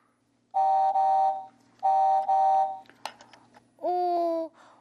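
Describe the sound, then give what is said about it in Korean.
Car horn honking: two long, steady, blaring blasts, then a brief clatter and a third honk that steps in pitch partway through. Loud and alone, with no talking. “자동차는 빵빵이잖아.”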